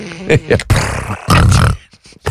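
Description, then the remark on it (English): Loud, rough snoring in the background of a phone recording, with harsh rasping breaths, two long heavy snores following a few shorter snorts, with a faintly tinny, phone-like quality. “And snoring in the background?”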